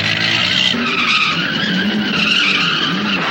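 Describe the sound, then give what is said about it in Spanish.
A red car, chased by a police car, skids hard to a stop in front of an abandoned house, its tires letting out a loud, sustained screech for several seconds over a low engine rumble, intense with no pause. “Se detiene frente a la casa abandonada.”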